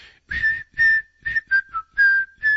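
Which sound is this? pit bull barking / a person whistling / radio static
a person whistling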